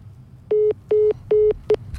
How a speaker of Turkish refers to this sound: Muhammed Salah'ı duyunca telefon kapandı.